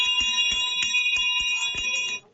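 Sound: hand bell ringing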